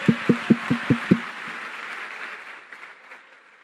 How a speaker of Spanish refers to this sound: Por fin aplaudieron los hombres, apenas dije gay.